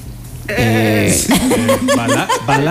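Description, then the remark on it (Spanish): A person imitates a goat, letting out a wavering, quivering bleat that breaks into choppy, laugh-like pulses, loud, with no other talking. “¿Ustedes han escuchado alguna vez el sonido de una cabra?”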